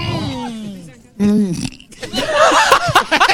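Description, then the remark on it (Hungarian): A long, loud, low burp after eating rumbles, a second shorter burp follows, and then people break into lively laughter and chatter. “Egészségedre.”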